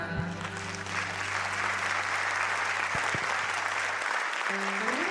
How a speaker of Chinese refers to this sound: 好，谢谢，谢谢大家，那个热情的掌声鼓励哈，连续四首歌曲哈，谢谢大家。